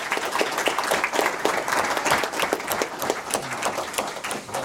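A crowd applauds steadily, many hands clapping in a dense, continuous wash of sharp claps that holds at an even, fairly loud level throughout, with no voices standing out.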